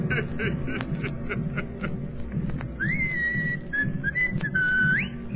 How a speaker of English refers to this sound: What you whistling for, you poor dope? Want all the world to hear you?